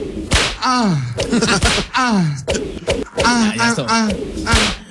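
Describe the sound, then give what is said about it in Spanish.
Several sharp whip cracks snap out one after another, each loud, mixed with falling, sliding vocal sounds between the strikes. “Latigazo. Ahí les va, ahí les va.”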